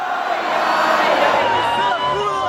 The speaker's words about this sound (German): Ausgelassen auch die Stimmung am Zocalo, dem zentralen Platz von Mexiko-Stadt. Zehntausende jubeln, doch lange können die Menschen nicht im Freudentaumel schwelgen.